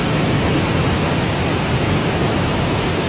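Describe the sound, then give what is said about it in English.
A steady, full rush of flowing water, like a waterfall or fast stream, holding an even, soothing hiss throughout with no voices or breaks. “I always feel more at peace when I'm near the water.”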